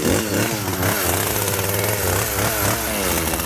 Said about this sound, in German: Und weil wir mit so einem 0815 Messer da nicht durchkommen, nehmen wir die Kettensäge. Ich würde sagen, starten wir. Starten wir mal.